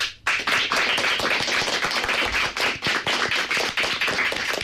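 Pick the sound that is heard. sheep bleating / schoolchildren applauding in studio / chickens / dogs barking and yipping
schoolchildren applauding in studio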